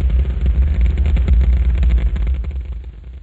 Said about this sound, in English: the Saturn V is moving off the pad. It has now cleared the tower.